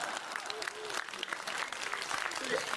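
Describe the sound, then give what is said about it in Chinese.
A crowd applauds with steady, dense clapping that stays fairly loud throughout, its sharp hand claps overlapping into a continuous wash, with faint voices or cheers mixed underneath. “大伙鼓掌，让他请客。”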